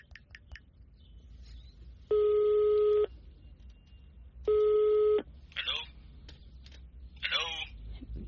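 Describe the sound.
A few quick taps as a number is dialled on a phone, then the call rings on loudspeaker: two loud, steady electronic ring tones separated by a pause, followed by faint chirpy noises.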